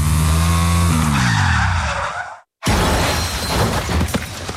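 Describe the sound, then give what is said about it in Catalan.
A car's tires squeal in a long, loud skid as it takes a curve too fast, with the engine pitch sliding downward, then a brief silence before a harsh crash of crunching metal and shattering debris. “De tornada agafaré un revolt amb massa velocitat i tindré un accident.”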